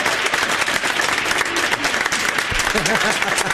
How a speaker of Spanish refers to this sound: Esa se merece un aplauso. También.